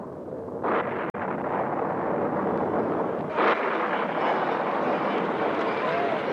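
Deep, rolling thunder rumbles steadily for several seconds, swelling in two louder surges, with a brief sharp crack early on. No voices are heard.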